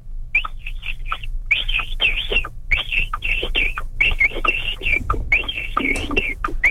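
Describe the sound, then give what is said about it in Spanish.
A person whistles an imitation of a capybara call: quick bursts of short, high, chirping whistles repeated over and over, with breathy, raspy puffs between them, fairly loud and with no talking. “Pero fíjate que usa la técnica también del chiflido”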